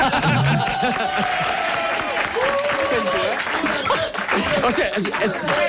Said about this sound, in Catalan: Em sento molt content de fer un programa que després de 13 anys la gent l'aplaudeix d'aquesta manera.